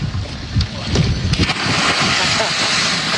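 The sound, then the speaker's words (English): A person belly flops into murky water with a heavy, slapping splash, followed by churning water amid steady wind and lapping waves outdoors, with faint voices in the background. “but he kind of belly flopped, I think, because he really did not want to dive into the murky water, which I respect.”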